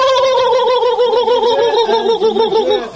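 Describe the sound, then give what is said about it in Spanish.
A turkey gobbles loudly in a continuous warbling, rapidly wavering call that lasts about three seconds, with no other voices. “De pavo.”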